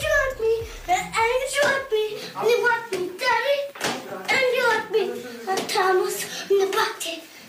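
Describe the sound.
A small child's high voice sings and babbles through a lo-fi old home recording, an early singing recording of a later pop star as a toddler, with sharp clap-like knocks and handling thumps scattered throughout, fairly loud.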